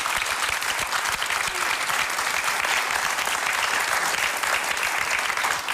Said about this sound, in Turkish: bir alkış.